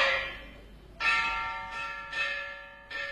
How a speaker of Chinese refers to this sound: 几秒钟之后，乐队响起了锣鼓和笛子的鸣钟，阿拉正式投入了开场。